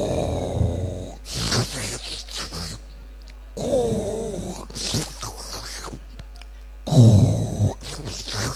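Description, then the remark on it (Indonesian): A voice mimics snoring, alternating rough, throaty exhales with noisy sucking inhales, about three cycles, separated by brief pauses. “Jadi keluarnya ngorok, nariknya nyedot, iler.”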